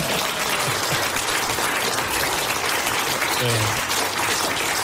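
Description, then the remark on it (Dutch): A crowd applauds steadily for several seconds, a dense, even wash of clapping with a few faint voices and cheers mixed in beneath it, applauding a man who has written columns for 50 years. “Deze man die verdient een applaus.”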